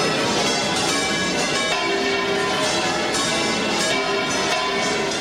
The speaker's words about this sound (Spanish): Sevilla vive este jueves una de sus jornadas más solemnes y tradicionales con la celebración del Corpus Christi. Así repicaban las campanas de la Giralda a las 8 de la mañana.